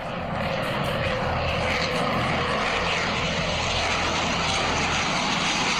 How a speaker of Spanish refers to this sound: Tal cual como cuando se escuchaban en Cali. Según información que nos llega a través de las redes sociales, pues 4 aviones de combate CAFIR de la Fuerza Aeroespacial Colombiana sorprendieron a los habitantes de Barranquilla durante toda la tarde